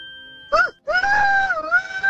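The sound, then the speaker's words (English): A person imitates a rooster's crow with the voice: a short rising yelp, a brief pause, then a long, loud, sustained wavering call that dips slightly near the end. “Oh, beautiful rooster. Rooster, that is a good one”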